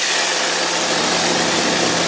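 A hedge trimmer's small engine runs steadily at a loud, high-pitched buzz as a worker uses it in a maze, the trimmer's weight carried on a harness; it holds a constant drone throughout with no pauses and no voices.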